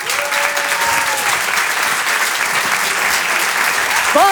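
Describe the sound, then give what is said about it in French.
Loud, sustained audience applause welcoming performer Elisabeth Buffet, a dense steady wash of clapping with a few faint whoops or cheers rising near the end. “Je vous demande d'applaudir très très fort, s'il vous plaît, Elisabeth Buffet.”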